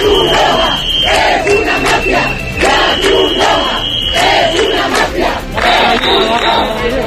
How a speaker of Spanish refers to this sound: La Cruz Roja es una mafia, invasores, expulsión o Pedro Sánchez, hijo de puta. Estos son algunos de los cánticos que se están escuchando en estas protestas, donde es verdad que al inicio sobre todo hay gente pacífica